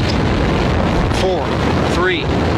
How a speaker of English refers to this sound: Why not just play the launch? 9, 8, 7. RS 25 engines.